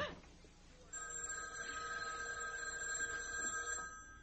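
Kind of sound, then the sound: household object, house telephone ringing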